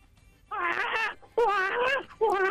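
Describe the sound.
A caller to a radio phone-in imitates a baby that has just woken up and is crying, with three loud, wavering wails in quick succession, each rising and trembling before breaking off, with no other talk.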